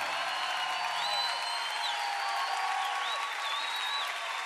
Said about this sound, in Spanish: ríndele ese aplauso más fuerte a Jesucristo el Salvador.